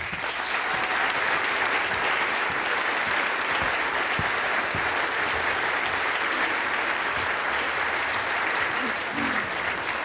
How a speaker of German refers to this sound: Hier ist Markus Feldenkirchen. Applaus